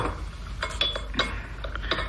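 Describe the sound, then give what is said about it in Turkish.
A tray of tea glasses being brought in and set down between the people: a quick series of light clinks and rattles, a few with a brief high glassy ring, moderately loud with no voices. “Çayınızı getirdim dede. Aferin kızım. Getir tepsiyi şöyle ortamıza koy.”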